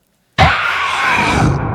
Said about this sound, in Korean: 라투스는 머리털이 쭈뼛 설 만큼 큰 소리로 울부짖었다.